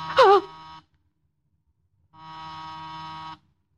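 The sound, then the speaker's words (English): A doorbell or intercom buzzer sounds twice: a short harsh buzz, then after a pause of over a second a longer, steady, droning buzz of about a second. Both are fairly loud and flat in tone. “Any minute now there'll be a knock. Or a ring.”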